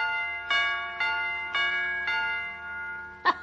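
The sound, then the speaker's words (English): A doorbell chime's hammer strikes metal pipes five times in a steady rhythm, each ringing tone sustaining and overlapping the next, with a sharper, brighter final strike; clear with no voices. An electric doorbell chime with two little hammers, sounding as its wires are switched to another screw during repair. “When the electric zizzes hits the whatchamadingus coil, the little hammer's supposed to smack the chime pipe.”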